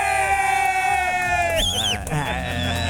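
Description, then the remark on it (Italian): A single person cheers and whoops loudly and continuously for the 'Pazzi di rugby' segment, with a shrill whistle rising and falling midway through and clapping in the mix, all energetic. “Applaude, batte le mani, fischia, fa qualsiasi cosa.”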